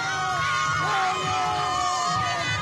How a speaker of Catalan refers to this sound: No hi ha paraules, hi ha celebració, crit.